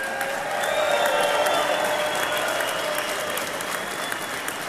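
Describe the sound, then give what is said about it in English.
A large crowd applauds steadily, a dense, continuous wash of clapping with scattered cheers and whistles rising above it, loud and sustained throughout, welcoming home Mission 23 of Honor Flight Syracuse. “Well, ladies and gentlemen, what a crowd to welcome home Mission 23 of Honor Flight Syracuse.”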